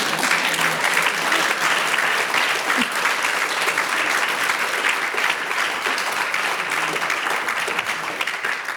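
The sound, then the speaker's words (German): Steady, dense applause from a sizable audience, many hands clapping continuously at an even level for several seconds without fading or pausing. “Da will jemand klatschen, bitte.”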